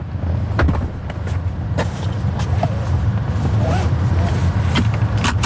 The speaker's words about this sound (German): Türen auf und zu machen und sich angurten. Das muss man im Robotaxi noch selber machen.